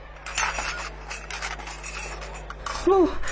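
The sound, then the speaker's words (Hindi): Dishes dropped by a manager fall and clatter in a scattered run of sharp clanks and rattles, moderately loud, followed by a brief rising voice-like sound at the end. “बर्तन तुम्हारे मैनेजर से गिरे हैं, तुमसे नहीं गिरे”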